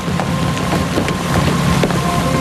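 A boat moves steadily across the water, a continuous engine drone mixed with wind rushing over the microphone and scattered splashing, with no voices present.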